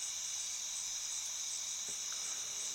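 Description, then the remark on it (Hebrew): A steady chorus of crickets chirps continuously, a high shimmering trill that holds without pause, soft, with no voices present. “מקשיבים לשירה האלוהית של הצרצרים.”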